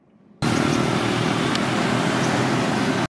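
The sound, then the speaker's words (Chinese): A military truck loaded with relief supplies rumbles along a damaged, rough road into an earthquake- and typhoon-hit disaster area in the Philippines, its loud engine and road noise forming a steady, dense roar that starts abruptly and cuts off just as suddenly. “军用卡车装载赈灾物资深入灾区，沿途道路受损崎岖，不少房屋严重受损。”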